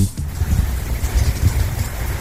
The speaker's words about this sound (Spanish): Uy, bastante lluvia. Este es el sector costero de nuestra ciudad.